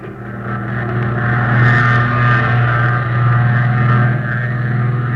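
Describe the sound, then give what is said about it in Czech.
A propeller aeroplane engine starts and runs with a loud, steady droning roar and strong low harmonic hum, holding an even pitch from start to finish. No voices are heard. “No, natočte mu vrtuli, natočte, no.”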